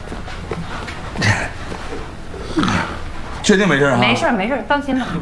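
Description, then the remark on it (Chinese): A person who has just taken medicine snores in two rough, rasping breaths a little over a second apart, followed by people talking over the sleeper's breathing. “拍个片子啥的， 不用，你看这都打呼噜了，没事，放心吧啊”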